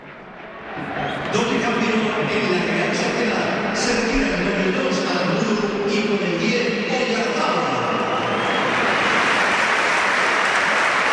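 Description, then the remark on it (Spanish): A large stadium crowd at the Bernabéu breaks into sustained applause for Oyarzabal as he is substituted and takes off his captain's armband, a dense wash of clapping that swells after a second and holds steady and loud, with scattered shouts mixed in. “Y mira, se va a marchar Oyarzabal, sí, se quita el brazalete, escuchamos al Bernabéu.”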